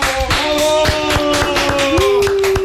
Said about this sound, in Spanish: Gracias a ustedes. Gracias, un aplauso.